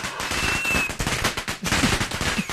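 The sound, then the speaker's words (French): A fireworks sound effect, triggered by the fireworks button on a studio's digital control desk: a dense, loud barrage of rapid crackling pops and bangs, with a faint high whistle streaking over it early on, continuing without pause and with no voices. “Alors non, là t'as appuyé sur le bouton feu d'artifice, t'en as un autre ?”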